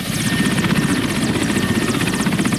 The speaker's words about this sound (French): Direction Mongualou, à environ 80 km au nord de Bounia, à bord d'un hélicoptère.